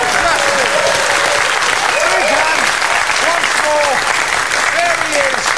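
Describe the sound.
A crowd claps loudly and steadily for several seconds, a dense, continuous wash of applause with scattered voices and calls rising over it.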